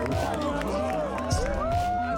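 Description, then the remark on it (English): A large outdoor crowd at a surf contest roars and cheers in a dense, continuous wash of voices during the men's final between Iago Dora and Italo Ferreira, with individual shouts rising and falling through it and a brief swell of excitement midway. “Listen to this crowd.”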